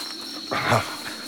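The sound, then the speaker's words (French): Mosquitoes buzzing in a thin, steady high-pitched whine throughout, briefly overlaid midway by a louder, rougher animal-like burst. No one speaks. “On dirait vraiment qu'il n'y a que des moustiques dans ce pays de tonnerre de Brest.”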